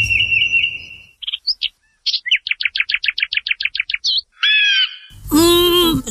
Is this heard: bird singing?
yes